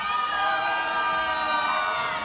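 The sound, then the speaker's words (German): A man in a live concert audience lets out a loud, sustained shout, high and piercing with a slight wavering pitch, after the audience is asked whether single women are present, carried over a dense wash of crowd noise for a couple of seconds. “Single-Damen und der … schreit, super.”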